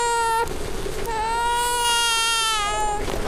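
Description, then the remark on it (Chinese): A baby boy wails loudly and continuously, his high, strained cry rising and falling in long sustained bursts with a brief catch of breath between them, unaccompanied by talk. “不哭不哭，哦哦哦哦哦哦，宝宝不哭不哭， 你要什么呀？你要什么？”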